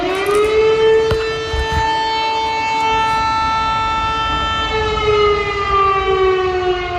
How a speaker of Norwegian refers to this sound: Her hører vi altså sirenene I Polen.